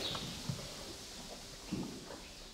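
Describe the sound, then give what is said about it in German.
Horse hooves clop on a hard stable floor as the horses of a horse-drawn carriage business on a car-free East Frisian island are checked for their horseshoes, a few irregular, fairly soft knocks over a steady low background hum, with no one talking. “Jetzt checken wir erstmal, ob alle Hufeisen noch drunter sind.”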